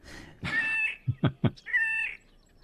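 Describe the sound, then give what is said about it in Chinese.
A bird's breeding-season song that sounds like a cat: two drawn-out, nasal mewing notes with three quick, low throaty pulses between them, clear with no talking. “对， 我们来听听它的歌声，好像猫咪耶。”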